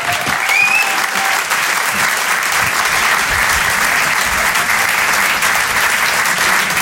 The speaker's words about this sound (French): On peut l'applaudir très fort lui aussi.